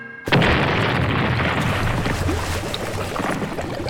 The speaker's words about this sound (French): Et lorsque le scénario l'exige, elle n'hésite pas à faire exploser de vrais bateaux.